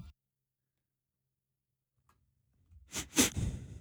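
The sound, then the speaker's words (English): After a long stretch of near silence with one faint tick, a quick cluster of sharp, breathy sniffing noises arrives, loud, noisy bursts in rapid succession, with no talking. “You don't have to sniff. Like, you don't need to make noises.”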